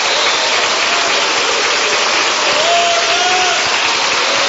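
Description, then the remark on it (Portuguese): A church audience applauds after a prayer in a steady, dense wash of clapping that stays loud and even throughout, with a faint voice or tone rising briefly near the middle. “Pode aplaudir, pode.”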